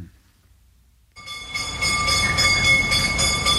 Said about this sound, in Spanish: Con este sonido de campana cerramos el círculo del gas propano y nos vamos